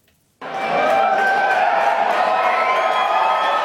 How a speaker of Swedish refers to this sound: Det blev till slut nej-sidan som fick jubla.